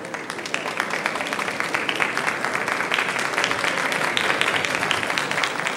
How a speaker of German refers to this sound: Der Beifall der Gäste grüßt nun Erich Honecker, Willi Stoph und Horst Sindermann, die mit ihren Gattinnen jetzt den Saal betreten und die Repräsentanten befreundeter Staaten, die an der sechseckigen Tafel unseres Staatsratsvorsitzenden Platz nehmen.